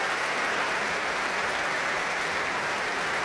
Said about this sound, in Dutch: En nu applaus voor alle koperblazers.